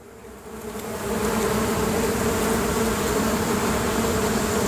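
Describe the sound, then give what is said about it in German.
A large swarm of bees buzzing, a dense, continuous drone that swells louder in the first second and then holds steady, with no voices. “Aber ich würde sagen, das ist ein ganz schön großer Bienenschwarm, der da gerade auf uns zugekommen ist.”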